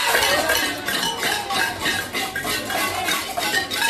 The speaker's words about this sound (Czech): Zapálili lidé na několika místech barikády a protestovali také tradičním latinskoamerickým způsobem, boucháním do hrnců.